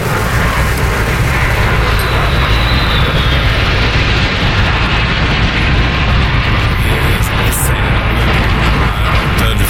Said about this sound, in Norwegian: Fløy over Oslo sentrum. Det var 4 F-35 kampfly som for over sentrum av Oslo. Et fly brøt ut av formasjonen og steg til værs, et symbol på den avdødes bortgang.